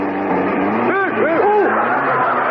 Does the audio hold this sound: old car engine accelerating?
yes